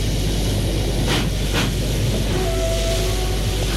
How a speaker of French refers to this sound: Enfin, le train s'en va doucement.